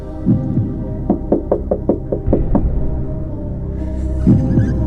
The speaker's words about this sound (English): Okay, door knock number two.